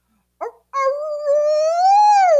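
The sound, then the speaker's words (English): A hound dog in the room next door, left there while its owners are out, gives a brief whimpering yelp, then breaks into one long, steady howl that slowly rises in pitch, loud and alone with no voices, heard through thin walls late at night. “And in the room next to us, the people are traveling with their dog, but they're out somewhere.”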